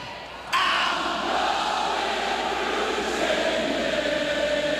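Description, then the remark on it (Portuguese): A large concert crowd in England roars and cheers, the sound swelling abruptly after a brief moment and holding as a loud, sustained wall of voices and shouts. “ele vai fazer a plateia, ó.”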